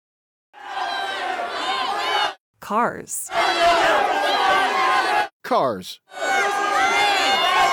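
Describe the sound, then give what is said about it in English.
A crowd yells loudly in sustained bursts of dense, overlapping shouting, broken by short gaps where a single voice speaks briefly before the roaring crowd returns. “Hey, what are you yelling at?”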